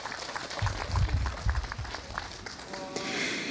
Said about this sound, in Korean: 뜻깊은 축가로 함께해 주신 합창단과 중창단 여러분께 다시 한번 큰 박수 보내주시기 바랍니다.